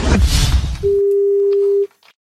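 A brief burst of rushing line noise, then a single steady telephone ringback tone of an outgoing call placed by RTL radio, holding for about a second before cutting off, clear and fairly loud with no talking.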